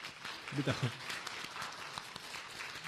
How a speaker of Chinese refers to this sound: 我们鼓掌欢迎。